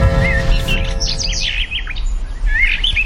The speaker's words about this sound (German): Irgendwann, vor unzähligen Jahren, hat ein Mensch einem Vogel beim Singen zugehört.